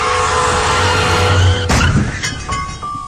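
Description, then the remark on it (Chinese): A car brakes hard in an emergency, its tires letting out a loud, sustained screech that ends in an abrupt burst of noise, followed by a fainter lingering squeal. No one speaks. “一旦遇到紧急情况，刹车至少需要20米。”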